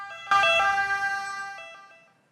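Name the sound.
ambulance siren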